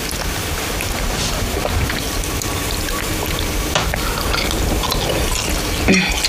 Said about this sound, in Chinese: 我这下雨你们得回去。